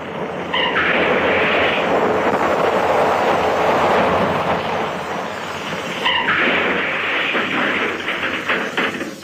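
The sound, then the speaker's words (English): A car with its brake off rolls off a 1,000-foot cliff and plunges into the sea: a loud, steady rushing roar with a sharp crash partway through, then continued churning noise. No voices. “Hey, that's the brake off. The car's moving.”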